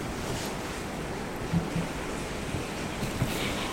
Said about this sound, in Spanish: Está lloviendo, por eso se oye algo de ruido aquí en esta grabación.